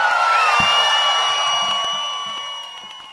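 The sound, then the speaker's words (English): A loud crowd in Austin cheers and whoops in a dense, continuous roar threaded with high sustained whistles and shouts, gradually tapering off over about three seconds. “Austin, make some noise, people!”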